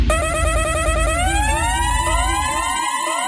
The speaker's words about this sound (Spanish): ¿Qué indica esa bocina, mi manita? ¿Qué indica esa bocina?